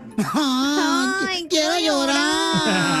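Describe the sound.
A voice on a radio show imitates a woman crying, with two long, wavering wails broken by a brief gasp in the middle. It is loud, with no other sounds.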